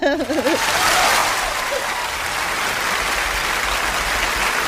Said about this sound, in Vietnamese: Thôi thì dành cho anh một tràng pháo tay thật lớn đi ạ.